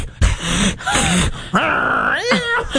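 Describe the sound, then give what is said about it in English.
Sibling cats, one named Jolene, yowling back and forth at each other through a door: several long, drawn-out wails that rise and fall in pitch, loud and strained, with short breaks between calls. “This is what I hear.”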